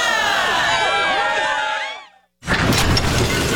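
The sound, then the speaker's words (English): A struggling air conditioner in a radio ad for Enercare AC checkups in St. Catharines, Niagara, lets out a dense tangle of screeching, warbling squeals that fade out. After a brief silence, a loud, rough rattling roar kicks in. “Not just the sound of a struggling air conditioner.”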